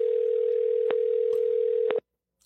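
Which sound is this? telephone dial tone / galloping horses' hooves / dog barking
telephone dial tone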